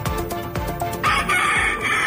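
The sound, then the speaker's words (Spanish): Fighting roosters crowing loudly, seized by the Guardia Civil at an illegal breeding farm in Alhaurín el Grande. Several overlapping calls with a strident burst after the first second, over a dense backdrop of other birds and clucking. “Y esto que escuchan son gallos de verdad, intervenidos en un criadero ilegal de Alhaurín el Grande.”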